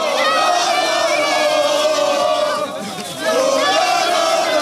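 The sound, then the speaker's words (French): A large crowd of Paris football supporters sings and shouts together after Paris beats Arsenal to win the Champions League, in a loud, sustained roar of chanting voices, dipping briefly before surging back. “Ah, c'est beau, ces supporters qui chantent et qui hurlent.”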